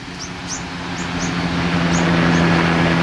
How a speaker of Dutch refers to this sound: Er vliegen bijvoorbeeld vaker helikopters langs om de oceaan in de gaten te houden. Hier komt er een.